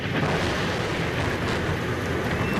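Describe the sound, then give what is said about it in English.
Heavy rain pours down over Rome in the early morning in a steady, dense roar, with a deep low rumble of thunder underneath throughout, on the day of the Pope's weekly general audience in St. Peter's Square. No voices are heard. “But the heavy rain and thunder that stormed the Roman skies failed to stop the pilgrims who had come to St.”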